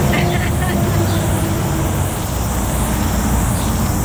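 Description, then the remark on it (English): Cars and motorbikes pass along State Highway 53 in the Wairarapa, their engines making a steady, loud rumble that continues without a break, with faint background chatter. “So, and also cars and bikes, as you can hear.”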